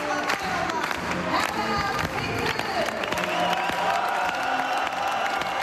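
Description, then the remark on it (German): Thunderous applause fills the Saal Tirol of the Congress in Innsbruck as the Freedom Party (FPÖ) leadership enters in the morning. It is dense and unbroken for several seconds, with crowd noise, cheering and scattered shouting voices mixed into the steady roar of clapping. “Unter tosendem Applaus zieht die Parteispitze der Freiheitlichen am Vormittag in den Saal Tirol im Kongress in Innsbruck ein.”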